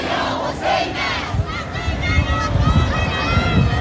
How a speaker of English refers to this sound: hot winds sweep across the area, people continue to pour in, chanting slogans like God is great. As they arrive, they carry flags and make their way forward.